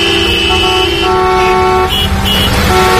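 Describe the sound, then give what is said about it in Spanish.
Several car horns honk in overlapping, sustained blasts over steady road traffic, loud, with tones starting and stopping irregularly, as drivers returning to their towns on national road 501 in the afternoon honk on seeing a convoy of the Guardia Civil and the UME. “Muchos pitaban al ver el convoy de la Guardia Civil y la UME que nos ha llevado algunos periodistas a la zona de Pelayos de la Presa y al pantano de San Juan.”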